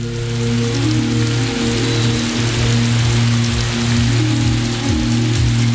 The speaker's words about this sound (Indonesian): Belakangan ini cuaca sudah mulai lembab dan hujan sudah mulai turun. Walau pada siang hari masih terasa panas.